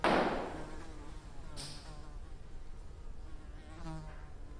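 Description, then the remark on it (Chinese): A housefly buzzes in Dali, China, its thin drone rising and falling in pitch as it circles. A soft knock comes at the start and a faint tap midway, with no voices. “你们大理就是一个大农村，有苍蝇多正常呀！”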